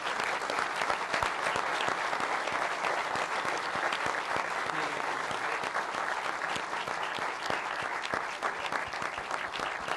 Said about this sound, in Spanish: Así que, bueno, pido un aplauso para Gaspi.